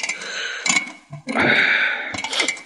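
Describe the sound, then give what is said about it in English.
Scratchy mechanical clicking and grinding as an alarm clock is wound and set, in a few short bursts and one longer sustained stretch, with no one speaking. “I'm tired. I'll just set the alarm.”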